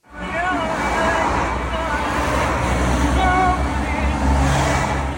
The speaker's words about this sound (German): Autos rauschen an ihrem kleinen weißen Kastenwagen in Salé vorbei, auf dem Weg in Marokkos Hauptstadt Rabat.